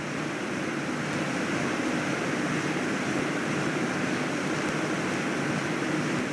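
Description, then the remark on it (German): A waterfall roars steadily, a dense, unbroken rush of water with a full, hissing texture that holds at the same loud level throughout, with no voices. “Eine Erfrischung direkt vom Wasserfall und sogar einen Fahrtpreis enthalten.”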